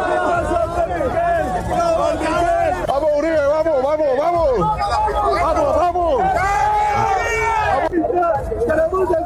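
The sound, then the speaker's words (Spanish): Loud, dense crowd noise fills the whole stretch, with several raised voices of provocateurs shouting over one another at a man in a blue cap, in overlapping, wavering cries above a constant murmur of chatter. “Ah, que le están gritando ahí provocadores.”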